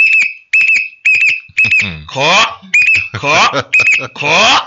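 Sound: whistle being blown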